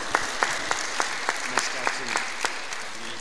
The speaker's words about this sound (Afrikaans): So ons sê vir julle dankie vir wat julle vir ons gedoen. Kan julle julle self 'n lekker hande klap gee?